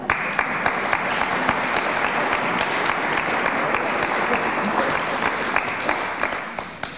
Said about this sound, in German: Bei Kirche in Not kriegen Sie natürlich Applaus für so eine Aussage.